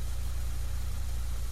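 A car engine is started and idles with a steady, low rumbling drone that stays even throughout, moderately loud, with no voices, as the driver shifts into reverse.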